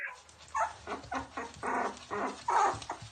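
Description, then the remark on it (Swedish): A litter of six puppies born to the dog Dagmar, a sled dog and bird dog mix, whimper and yip in a steady run of short, high, overlapping cries, with no one speaking. “I november födde Dagmar 6 valpar.”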